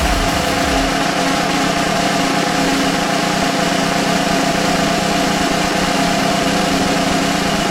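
A loud, steady drum roll rumbles on without pause for the whole stretch before a contest winner is announced, dense and continuous with no voices over it.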